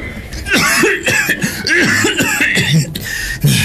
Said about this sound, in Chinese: 紧接着杨昌济又是一阵剧烈的咳嗽。